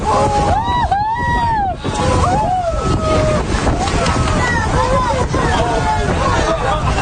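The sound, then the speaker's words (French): A group of about ten white-beaked dolphins leaping one after another out of the water and splashing back in: a steady rush of water and surf, overlaid with many chirping, swooping whistles that rise and fall one after another. “mais à travers tout ça, on entendait le bruit des dauphins aussi, qui se jettent dans l'eau.”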